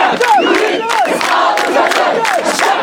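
A dense crowd shouts loudly and continuously, many voices overlapping in chanted slogans with rising and falling yells, forming a steady, unbroken roar of protest.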